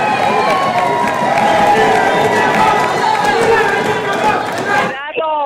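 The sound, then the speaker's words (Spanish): Many voices shout together in a loud, steady uproar from the Partido Libertad y Refundación bench of a legislature, demanding that two councillors resign, for about five seconds, then the din cuts off abruptly as a single voice starts. “Bueno, aquí están gritando en la bancada del Partido Libertad y Refundación que renuncien las consejeras Ana Paola Hall y José López Osorio.”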